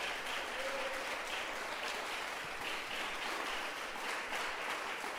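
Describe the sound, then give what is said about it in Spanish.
Steady, dense applause from a large church audience, clapping for the King (God) during a Spanish-language sermon: a continuous wash of many hands clapping at an even loudness for several seconds with no voices standing out. “Dele fuerte ese aplauso al Rey.”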